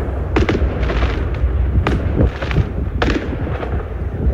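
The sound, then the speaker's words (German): A huge fireworks display at night in Stavanger, Norway, directly in front of the Bayern players' hotel, with a steady roar of rumbling booms and crackle, punctuated by several sharp, loud bangs at irregular intervals. No voices can be heard. “Das war ein Riesenfeuerwerk tatsächlich, direkt vor dem Hotel der Bayern-Spieler, die ja heute in der Champions League in Stavanger spielen.”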